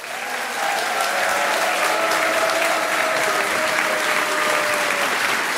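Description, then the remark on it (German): A large audience in Nettersheim claps loudly and steadily to welcome Christian Schulte-Loh, a dense wash of applause that swells in and holds strong throughout, with faint cheers mixed in. “Er ist international, begrüßt bitte mit einem wahnsinnigen Applaus, der bis zu den britischen Inseln erklingt.”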